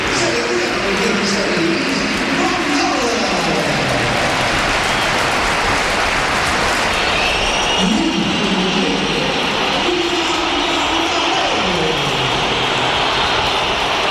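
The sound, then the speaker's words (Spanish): A packed crowd at the Bernabéu roars continuously as Mbappé replaces Gonzalo in the 69th minute: loud applause for Gonzalo mixed with a dense wall of shrill whistling and booing aimed at Mbappé that never lets up, with swelling chant-like tones rising and falling in the mass of voices. “Aplausos para Gonzalo, enorme pitada para Mbappé. El nivel de decibelios fue altísimo y el enfado de la grada se hizo más que palpable.”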